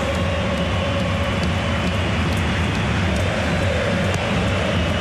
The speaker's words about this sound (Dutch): Het publiek vindt steeds meer moeite om optimistisch te blijven. Heb ik het gevoel. Nu toch nog eens een voorzichtig applaus.